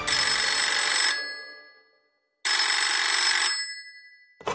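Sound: telephone ringing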